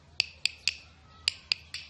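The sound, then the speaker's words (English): Six sharp, woody taps on a güiro struck with a stick, coming in two quick groups of three, each click bright and crisp with a short rattling edge, with no talking. “Or by tapping it with a stick.”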